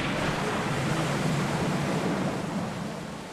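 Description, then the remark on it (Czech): Rough, stormy sea surges steadily around a ship forcing its way through a storm at a speed of 10 miles, a dense rushing wash of waves with a low rumble beneath, loud and continuous, easing slightly toward the end. No voices. “Argo se probíjel rychlostí 10 mil.”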